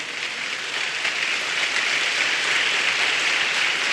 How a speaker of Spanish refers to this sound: Si va a aplaudir para el Señor, dele un fuerte aplauso.